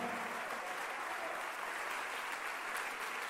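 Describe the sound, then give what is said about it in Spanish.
An audience applauds steadily, a dense wash of many hands clapping at once with no pauses, holding an even loudness throughout and no voices standing out. “Dale el aplauso si tú crees que tú puedes.”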